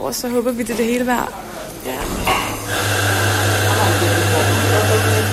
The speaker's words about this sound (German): Irgendwo im Foyer läuft schon eine Espressomaschine. Es ist 3:45.